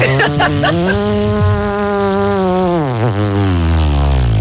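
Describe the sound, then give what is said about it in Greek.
A voice imitates a motorbike engine: a few quick sputters, then a loud, continuous buzzing drone that holds steady, dips in pitch and revs back up near the end. “Και η μηχανή πώς έκανε.”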